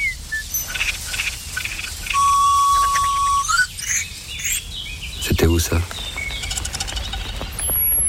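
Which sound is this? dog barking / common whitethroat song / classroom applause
common whitethroat song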